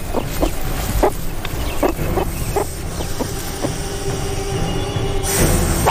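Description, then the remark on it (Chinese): A meerkat sentinel gives a string of short, sharp alarm barks at an irregular pace, each a brief clipped yap, over a constant low rumbling background and a thin high whine. “哨兵发出一声吠叫，同伴们立刻行动起来。”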